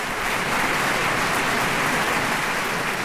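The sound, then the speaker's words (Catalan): A large opera audience applauding the Orquestra Simfònica del Vallès and the Amics de l'Òpera de Sabadell choir, conducted by Daniel Gil de Tejada; a dense, continuous wash of clapping at even loudness throughout, with no voices standing out. “Els acompanyen l'Orquestra Simfònica del Vallès i el cor Amics de l'Òpera de Sabadell, que, dirigits pel mestre Daniel Gil de Tejada, rebien aquests aplaudiments.”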